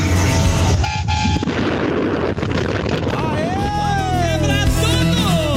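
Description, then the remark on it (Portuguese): Several vehicle horns honk over a loud, constant roar of wind and traffic, with a sustained toot early on and overlapping, wavering blasts later. Voices can be heard faintly in the noise. “Ô, povo que gosta de buzinar totalmente, hein?”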